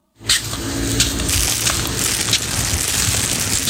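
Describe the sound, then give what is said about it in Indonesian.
A plastic cup is crushed, a steady stretch of dense crackling and crinkling with a few sharper snaps, lasting a few seconds with no voices. “Ya elah, cuma satu gelas plastik doang, ribet amat sih.”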